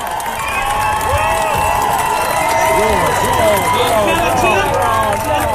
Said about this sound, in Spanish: Ese es el momento en que lo están atendiendo y la gente de todas maneras lo aplaude.